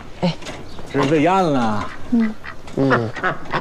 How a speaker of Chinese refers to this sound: 这是喂鸭子呢，吃饭，过来。